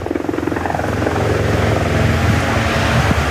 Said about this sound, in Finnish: Kopteri kaartaa jälleen kauniilla linjalla, kuten entiset eskorttimiehet, mutta nyt ei muistella niitä, vaan nyt verrataan aikaa Sami Pajariin.